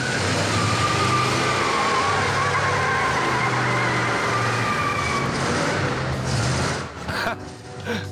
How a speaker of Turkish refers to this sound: Bak, lastik yakabiliyor. En son ne zaman önden çekişli bir arabanın lastik yaktığını gördün? Yanıyor muyuz? Sanırım bir şeyler yanıyor çocuklar.